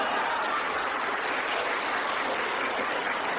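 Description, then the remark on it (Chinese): An audience including children, cued by a performer to laugh and clap at the same time, claps and laughs together in a dense, steady wash of applause that holds at an even loudness for the full few seconds, with no one speaking over it. “预备，连乐带鼓掌。”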